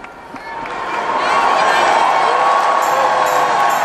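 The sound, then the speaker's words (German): A large crowd of young people applauds and cheers enthusiastically for Pope Leo at the close of a youth gathering, the dense roar swelling over the first second or so and then holding steady and loud, with a few high whistles cutting through. “Papst Leo wird mit begeistertem Applaus bedacht.”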